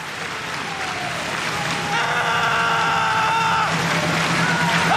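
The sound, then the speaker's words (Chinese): A stadium crowd at an athletics jumping event claps together in a steady, continuous wash of rhythmic applause, asked for to set the rhythm of a jumper's run-up steps; it grows slightly louder, while a sustained tonal drone rises over the clapping midway through. “再跟观众要一个掌声，要一个步点的节奏。”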